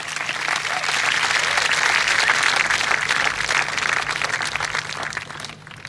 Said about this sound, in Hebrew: אפשר למחוא להם גם כפיים.